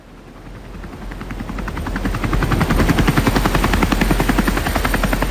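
Loud helicopter rotor noise, just boarded and heading out over the North Sea to a gas platform, with a rapid rhythmic chopping that builds and swells over a few seconds, then holds steady with a heavy low engine rumble underneath; no voices.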